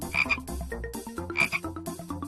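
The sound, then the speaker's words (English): A frog croaks in a steady, rhythmic series of loud, raspy calls, repeating twice in quick succession with no voices present. “Frog.”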